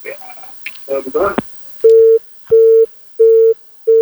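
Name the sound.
telephone busy tone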